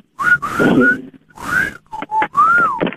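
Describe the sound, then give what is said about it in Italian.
Someone whistles a short, wavering tune in several rising and falling phrases with breathy gaps between them, and no talking over it. “Senti il fischio?”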